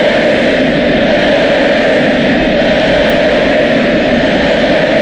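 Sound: stadium crowd roar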